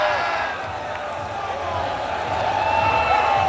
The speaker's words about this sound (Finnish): Ja tuo huuto ei tullut paneista, vaan se tulee Tampereen Tapparan joukkueesta, valmennusryhmästä. Onpa tuuletusta. Näin hyvältä se Suomen mestaruus kuulkaa.